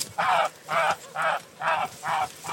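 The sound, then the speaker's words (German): A severely injured goose, pecked open by ravens, honks five times in a steady rhythm, each call loud, nasal and drawn out, with no voices. “So sieht eine Gans aus, die von Kohlgraben einfach nur angehackt wurde.”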